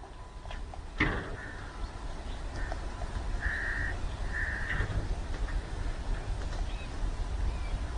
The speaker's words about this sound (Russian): у нас, по-моему, есть говорящий ворон, да? У нас есть там какой-то Карлуша, или я не помню, как его зовут.